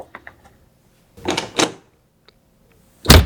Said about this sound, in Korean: 쾅소리와 함께 방문이 닫혔다.